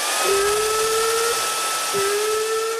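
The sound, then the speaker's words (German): A hair dryer blows with a steady, loud airy rush throughout, while a low whining tone rises in twice, holding for about a second each time. “Habt ihr einen Föhn? Haben wir.”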